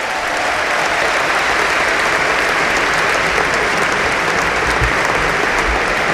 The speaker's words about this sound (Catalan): ¡Fuerte aplaudiment